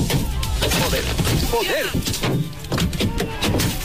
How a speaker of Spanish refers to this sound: La policía ha detenido ya a un hombre y ha identificado a otro por el ataque al coche de una diputada de Ceuta ya, al que una multitud lanzó piedras, huevos, puñetazos.